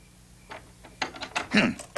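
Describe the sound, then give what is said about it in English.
Stuck doors being tried open at night: a string of sharp mechanical clunks and rattles, sparse at first, then a denser, louder burst of jolting as the handle is yanked repeatedly. “I think I'll open the doors.”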